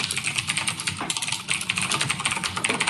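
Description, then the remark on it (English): Rapid, continuous clicking of keys on a mechanical keyboard, fairly loud, with dense, irregular keystrokes and a brief pause near the middle; no voices. “Yeah, it's typing on a mechanical keyboard.”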